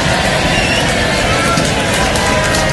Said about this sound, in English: All right, the left side of the room. Let's get a little bit of round of applause.